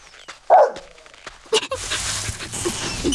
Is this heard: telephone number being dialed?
no